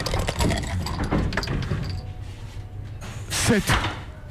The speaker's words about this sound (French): il faut vite que je relance les dés là, je sens que je suis sur une mauvaise case.